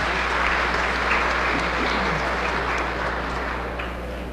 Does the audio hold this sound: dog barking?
no